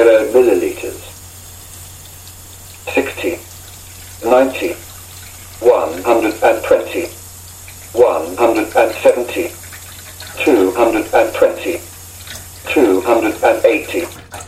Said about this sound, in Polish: Naciskam przycisk speech i jeszcze kontroluję, zerując licznik naszego dzbanka. W tym momencie pomalutku odkręcam nasz kran.